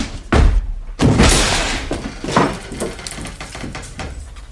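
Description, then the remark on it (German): Heavy thuds as a door is forced open: two loud impacts in quick succession, then a rattling, scraping follow-through and another softer knock, with no voices. “Die Tür auf.”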